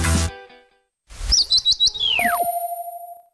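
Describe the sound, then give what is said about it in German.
A woodpecker's call, the signature sound of a carpentry workshop in Sprakensehl, rings out as a quick run of bright, sharp chirping notes, then slides down into a falling whistle beside a steady high tone, loud with no talking. “Die Tischlerei mit dem Specht.”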